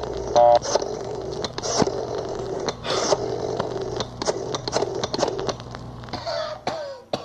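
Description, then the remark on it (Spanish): An old man dials a rotary telephone to call the police: a series of sharp mechanical clicks and short ratcheting whirs in uneven bursts, with no one speaking. “Allá está metiendo el dedo en el teléfono, mírelo.”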